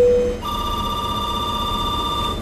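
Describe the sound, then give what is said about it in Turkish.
A telephone rings with an electronic tone: a brief lower beep, then one long, steady, bright ring lasting about two seconds. It's fairly loud and clear, with no voices. “Neden telefondan aradınız?”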